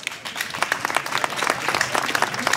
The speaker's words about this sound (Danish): Kære publikum, giv dem alle sammen en hånd.